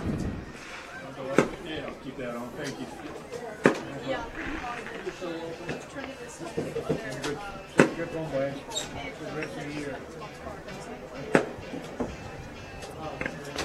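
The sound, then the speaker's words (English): Sharp, booming fireworks bursts go off a few seconds apart at the end of an outdoor football game between East Noble and Fort Wayne North, each crack standing out over steady crowd chatter and people talking. “Some of the teams will line up to exchange pleasantries, more fireworks.”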